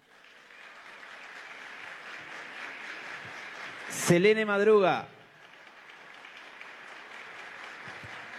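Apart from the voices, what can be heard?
audience applause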